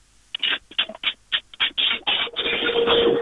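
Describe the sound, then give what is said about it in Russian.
A fairly loud washing machine running: choppy bursts of churning, rustling noise that speed up and merge into a steady mechanical rush, with no voices. “Это звуки скорее стиральной машинки, я так понимаю.”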